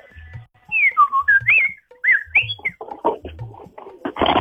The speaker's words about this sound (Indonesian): Iya, ada burung